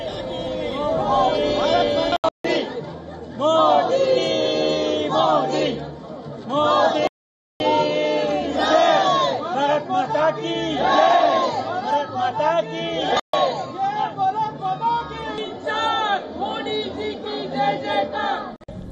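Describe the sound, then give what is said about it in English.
Hundreds of members of the Indian diaspora in Sweden cheer and shout continuously as Indian Prime Minister Modi waves at the crowd, many voices overlapping in loud, excited bursts with some chant-like calls rising above the din, briefly cut off by a few short gaps. “Hundreds cheered on as he waved at the crowd.”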